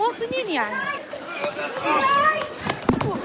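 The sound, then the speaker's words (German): A crowd runs in panic as tear gas grenades are fired, many voices shouting and crying out over each other amid hurried, scuffling movement, with a sharp thud near the end. “Menschen rennen wild durcheinander.”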